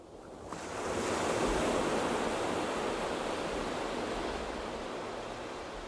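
Steady wash of sea waves breaking on the shore in front of a table set facing the sea at Marabella in the Valencia region of Spain, rising quickly after a brief quiet start into a continuous, fairly loud roar of surf with no voices.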